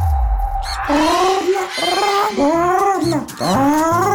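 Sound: parrot call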